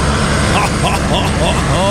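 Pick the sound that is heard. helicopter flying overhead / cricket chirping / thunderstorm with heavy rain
helicopter flying overhead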